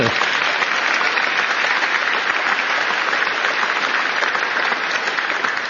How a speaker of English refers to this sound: An amazing man, gotten to know him so well, Jensen Huang. Jensen, you know, go ahead, you can clap for him.